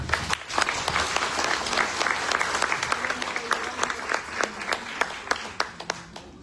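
An audience applauds steadily for several seconds, a dense wash of overlapping claps with a few sharper individual claps standing out as it thins toward the end.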